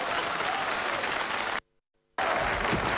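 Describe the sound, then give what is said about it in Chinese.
Dense, crackling applause from a crowd, steady and loud, breaks off abruptly into a half-second of near silence before the clapping resumes just as strongly. “你以为大伙这是给我鼓掌的？”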